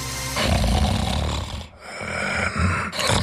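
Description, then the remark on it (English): A person snores loudly, with rough, rumbling breaths that rattle in the throat. There's a brief pause, then the heavy snoring starts up again. No one speaks. “Don't ignore the snore. Snoring and constant tiredness could be a sign of sleep apnea.”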